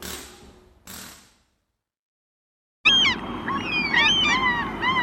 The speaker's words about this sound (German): Guck mal, da eine Möwe. Ja, da ganz oben.